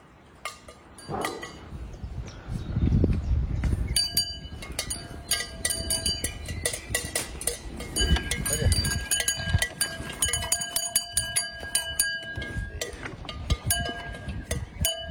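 Farmyard ambience with dairy cows named Romashka and Buronka: bells clank and ring steadily over a low, rumbling bed of animal sounds, with heavier bursts now and then, moderately loud throughout.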